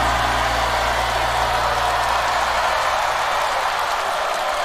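A large audience applauds after a song performance in a steady, dense wash of clapping that holds at an even loudness throughout, with a low droning hum underneath that fades out partway through.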